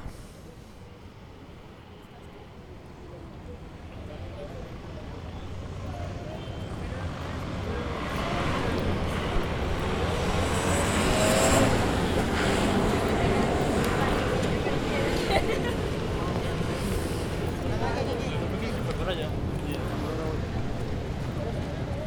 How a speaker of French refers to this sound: Vous entendez, on a des gens, on a des gens qui marchent, on a des voitures un petit peu, on a des enfants aussi, moi j'ai entendu des enfants.